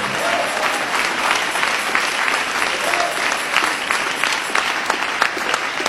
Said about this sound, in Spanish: Ese aplauso de alabanza al Señor Jesús. Bendito el nombre de Cristo.